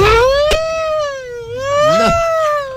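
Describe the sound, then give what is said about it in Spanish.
A sour, out-of-tune siren effect wails steadily, its tone sagging and rising again, while a second wobbling pitch clashes against it near the end; a sharp click pops early on. “No, qué sirena tan desafinada. Está como desafinada, suena como borrosa.”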